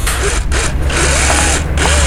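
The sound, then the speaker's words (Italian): A power drill dismantling a shop sign whines loudly in steady bursts, with two brief pauses where the motor cuts out before spinning up again. “Sto smontando l'insegna, no?”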